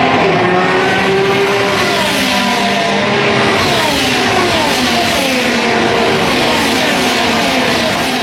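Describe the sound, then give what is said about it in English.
A loud, continuous roar of race car engines, 33 cars going 230 miles an hour around a 2.5-mile oval at Speedway, Indianapolis, with multiple engines layered together and pitches sliding up and down as the cars speed around the track. No one speaks. “Tomorrow morning, 300,000 people are going to pour into Speedway to watch 33 drivers go 230 miles an hour around 2.5 mile oval.”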